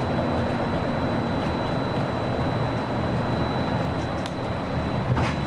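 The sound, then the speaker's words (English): A steady, rumbling ride noise from a monorail train rolling along its track as it approaches the Transportation and Ticket Center, with a thin high whine running throughout and a few brief clicks and rattles near the end. “If you are traveling to Epcot, please exit here and board the monorail at the connecting monorail station.”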